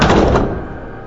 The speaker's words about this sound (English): He reaches in and shuts the door